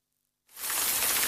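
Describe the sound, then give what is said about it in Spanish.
After a moment of silence, rain starts abruptly and holds as a steady, bright hiss of dense pattering, fairly loud and continuous, with no voices. “La lluvia.”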